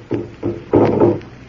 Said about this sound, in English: Listen. The drum. It's getting louder. Listen to it.